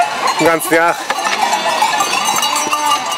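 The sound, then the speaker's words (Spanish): A flock of sheep bleats repeatedly while bells clank and jingle continuously around them, a busy, layered outdoor din. “Las ovejas son su vida.”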